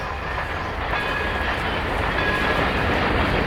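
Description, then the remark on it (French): A toy train clatters steadily along its tracks, a continuous rattling rumble with a faint high-pitched whine over it, holding an even level throughout with no one talking. “Mon doudou est peut-être en train de jouer au petit train.”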